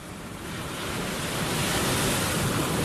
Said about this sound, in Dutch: Weg met die zee.